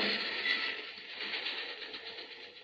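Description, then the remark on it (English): A train rumbles past a railway crossing, a steady, dense roar of wheels and rattling cars that holds for a few seconds and then eases slightly, with no voices over it. “Now, lie low till the train goes past.”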